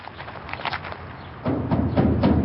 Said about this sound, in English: We knock on the heavy metal gate and enter a compound. High walls on all sides.